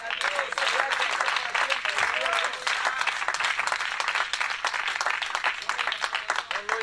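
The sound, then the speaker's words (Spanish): An audience applauds for the Lord together in a sustained, dense burst of clapping that fills the space. It stays steady and loud for several seconds, with faint voices mixed in. “Dele prende palmas al Señor.”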